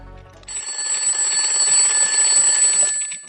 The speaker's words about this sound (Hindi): बबलू बेटा उठो, तुम्हारा अलार्म बज रहा है।